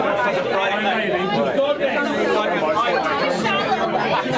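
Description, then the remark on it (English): A loud, dense wall of crowd chatter inside the busy Falkland Beer Works brewery pub, many overlapping voices blending into a constant, steady din with no single speaker standing out. “You can see it's just ever so slightly busy and ever so slightly loud, so just not really practical.”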